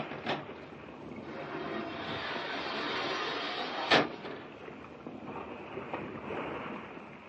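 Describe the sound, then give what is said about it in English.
A submarine surges up through the water with its nose rising out: a steady, loud rush of churning water with a sharp splash early on and another burst midway. No voices. “And there goes the nose of the blame thing. You know, someday that girl's going to tip a boat over. Coming up under it like a whale?”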